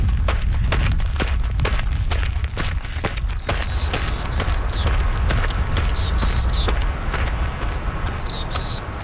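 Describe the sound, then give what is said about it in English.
Nestling birds give bursts of thin, high, falling chirps, repeated several times in the second half, over a steady low rumble and scattered clicks and knocks of handling as they are taken out of a nest box and put into small cotton bags. “are getting the birds out of the nest.”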